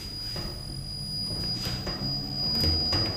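A honey extractor spins honey steadily, giving a continuous whooshing rumble with a thin, high mechanical whine on top, its loudness swelling slightly toward the end.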